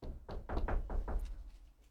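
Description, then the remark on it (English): A quick run of about five knocks on a wooden surface, fairly loud, tapped in an uneven rhythm before fading into quiet room noise. “Knock on wood.”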